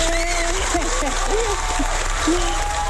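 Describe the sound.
A studio audience applauds a guest who is a housewife, in a steady, dense wash of clapping for the full three seconds, with faint voices and cheers rising above the noise.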